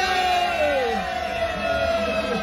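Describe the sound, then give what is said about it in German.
An audience of Schlagerradio listeners cheering steadily at the Schlagerradio Sommertour at the Arkona Strandhotel on Rügen, a dense wash of crowd noise with high whoops and yells gliding through it, loud and sustained for the whole stretch with no clear speech. “Schlager, Party, Spaß, gute Laune, Jubel!”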